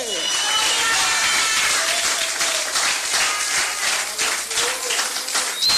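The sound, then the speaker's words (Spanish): Steady applause from a church audience during a sermon, clapping for Christ, many hands clapping densely and loudly without pause, with faint voices mixed into the crowd noise. “Ese aplauso a Cristo, a su nombre.”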